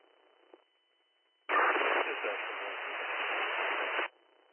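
A burst of loud, harsh static from a garbled unit transmission on an EMS dispatch radio crackles in abruptly for about two and a half seconds, then cuts off, leaving a faint band-limited hiss before and after.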